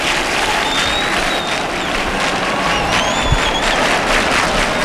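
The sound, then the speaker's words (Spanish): Sustained applause from a large crowd outdoors, outside the sanctuary as the float of the Virgen del Rocío is carried out by the people of Almonte, dense and steady throughout, with faint whistles rising above the clapping and a general murmur of voices underneath. “Y aquí las palmas en el exterior.”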